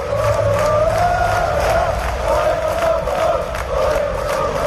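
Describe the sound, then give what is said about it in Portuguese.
Thousands of Deportivo football supporters chant "O Depor, somos nós" in unison while protesting in the streets of A Coruña, between Praza de Pontevedra and the bank headquarters, a loud sustained wall of voices with a steady rhythmic pulse of shouted syllables. “O berro de O Depor, somos nós, milleiros de afeccionados manifestáronse entre a Praza de Pontevedra e a sede da banca para protestar polas condicións que o club impón para a vindeira temporada.”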